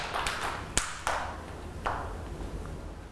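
Children in a school class clap for a classmate in a sparse, uneven way: a handful of sharp, scattered claps that trail off over a couple of seconds, with no talking.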